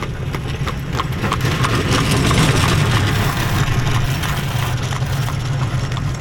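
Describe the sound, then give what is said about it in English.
Passing traffic in Holmes County: a steady clip-clop of horse hooves ticks along over a continuous low rumble, moderately loud throughout, with no one speaking. “Passing traffic in Holmes County.”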